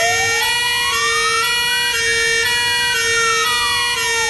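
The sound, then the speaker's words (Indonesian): A fire engine siren wails steadily as the fire brigade heads to a longhouse, its pitch sweeping slowly up and down over a constant rumble, loud with no voices. “Tidak lama selepas itu, kedengaran bomba bermunyi punya mimo, mimo, mimo.”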